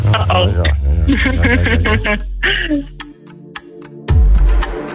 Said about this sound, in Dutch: Spannend klokkie.